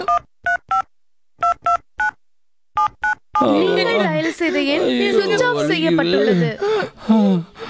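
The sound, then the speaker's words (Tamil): Telephone keypad dialing tones as someone phones their uncle, about nine short crisp beeps tapped in uneven quick groups, clear, then a person starts talking loudly right after the last beep. “என்ன அம்மா அப்பா பக்கத்துலயே இருங்க, உடனே நான் சின்னப்பாவுக்கு ஃபோன் பண்றேன்.”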